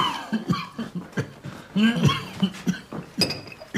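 A man coughs repeatedly in a close, harsh fit, with several rough bursts spaced irregularly over a few seconds and a few strained breaths between them.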